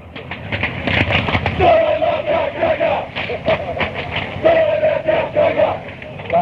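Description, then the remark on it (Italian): A crowd of football supporters, the brasati, chants in unison, a loud, rhythmic sung line carried by many voices over a dense, noisy background that continues steadily throughout. “Questi sono sempre i brasati, che fanno sti coretti.”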